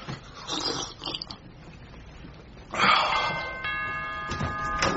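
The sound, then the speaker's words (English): A front-door doorbell rings with a sustained, bright buzzing tone that holds steadily through the final seconds, preceded by muffled rustling and scraping noises. “Stop that noise. Bloody doorbell.”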